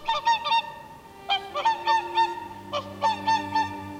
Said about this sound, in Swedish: Ja, nu lyfter precis ett 30-tal sångsvanar här. Vi står på en strandäng vid Tysslingen. På samma plats där Jonas och Nisse stod när de var här. Vi ser på när de snövita sångsvanarna flyger över sjön.